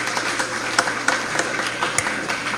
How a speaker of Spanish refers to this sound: Fuertes los aplausos para la comunidad de Exial.